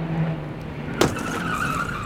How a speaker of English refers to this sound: Oh, missed. Here comes a truck.